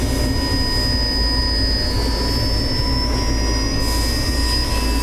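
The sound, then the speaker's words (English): A steady mechanical drone of habitat module systems: a broad airy hiss over a heavy low hum, with several thin steady whining tones running throughout. No voices, just constant loud machinery noise. “The hiss and hum of the habitat module's systems are a cacophony of noise.”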